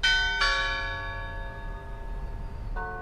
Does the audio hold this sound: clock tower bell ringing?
yes